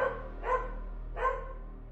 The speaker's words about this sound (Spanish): El ladrido de un perro.